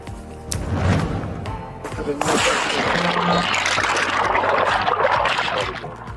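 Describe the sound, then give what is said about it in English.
Loud, turbulent rushing floodwater from a dangerous flood surges steadily, a dense churning roar that swells after a brief opening and keeps pouring on without letting up. “More on a dangerous flooding that hit over the weekend.”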